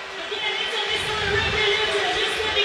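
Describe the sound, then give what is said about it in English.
A large, boisterous stadium crowd at a Montreal Alouettes football game in Montreal at night roars in a dense, steady wash of noise, loud and unbroken for the whole stretch, with no single voice standing out. “Boisterous crowd here in Montreal tonight.”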